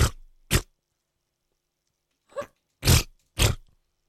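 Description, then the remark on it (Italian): Someone imitates armpit fart noises with their mouth: five short, buzzy bursts, two quick ones, a pause of almost two seconds, then three more in a ragged row. “Mi fai una scurreggia con l'ascella, per favore?”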